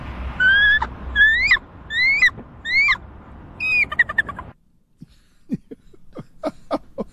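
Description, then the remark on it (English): A young guest, asked for a Wizards noise, imitates a bald eagle call: four or five shrill, rising whistled shrieks in a quick series, followed by a scatter of short, sharp chirps after a brief pause. “Bald eagle.”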